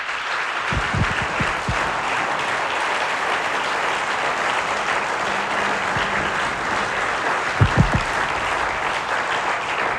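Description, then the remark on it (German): An audience in Burgenland claps steadily for about ten seconds at an opening celebrating the region's ethnic groups, a dense, even wash of applause with a few louder, sharper claps standing out near the start and again toward the end. “Und ich glaube, das ist wirklich ein einzigartiges Ereignis und es verdient jetzt schon einen einsprachigen Applaus.”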